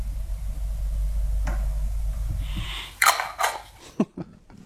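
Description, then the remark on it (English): A low steady hum gives way to several quick, rough rubbing strokes, the scrubbing swish of wax being worked onto a surfboard, uneven in rhythm and fairly loud, with no talking. “In fact, that's exactly what it sounds like. Waxing a surfboard.”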